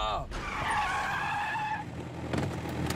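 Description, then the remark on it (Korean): A truck's tires screech in a loud, sustained skid lasting over a second as it brakes to a stop, followed by a rougher rumble and clatter as it settles. “트럭을 멈춰라!”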